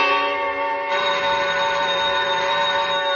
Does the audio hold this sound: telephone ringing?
yes